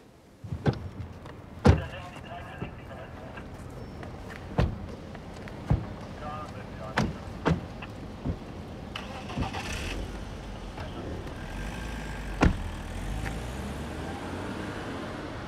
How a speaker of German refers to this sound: Ich fahr draußen im Wagen.